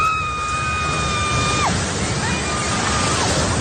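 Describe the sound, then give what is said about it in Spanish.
A building collapses after an earthquake in the city of General Santos, on the island of Mindanao, in a loud, continuous rushing roar, while a high, steady wailing tone sounds over it, slides downward, and then returns more faintly before falling away again. “Sonido del derrumbe de un edificio en esta ciudad donde se han vivido momentos de tensión y donde los servicios de emergencia trabajan a esta hora en búsqueda de heridos y de posibles fallecidos debajo de esos escombros.”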